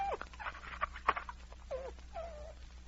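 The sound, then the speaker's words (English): A wolf-dog named Thunder, just set free and running off through the snow, gives a few wavering, whimpering calls that rise and fall in pitch, as if saying goodbye, fairly faint over a steady low hum, with no one speaking. “Hear that, King? He has just enough dog in him to be gentleman enough to say goodbye.”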